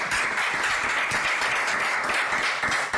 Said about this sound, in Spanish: Fuerte aplauso.